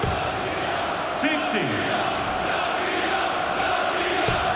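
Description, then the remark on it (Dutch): A large crowd at a darts match between Latvia and France, level at 7-7, roars steadily throughout as a player whips it up, a dense wash of cheering and shouting with a few whoops rising above it, loud and continuous with no pause. “zweept het publiek op.”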